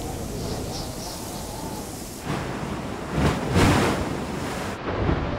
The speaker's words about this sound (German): An einigen Stellen reicht die Kraft des Windes bis zum Meeresboden. Die heftige Brandung wirbelt Futter für Rifffische auf.